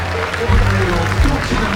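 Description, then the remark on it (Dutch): A full cinema audience in Rotterdam, enthusiastic fans with Cape Verdean roots watching a match, applauds: a dense, steady wash of many hands clapping at a fairly loud level for under two seconds, with a low murmur of crowd voices mixed underneath. “Applaus hier in Rotterdam. Uit een volle bioscoopzaal.”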